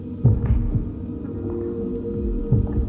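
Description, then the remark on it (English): Slow, muffled heartbeat thumps, deep, with a soft double pulse, over a steady low hum. No one speaks. “But the only thing I hear is my footsteps and my own heartbeat.”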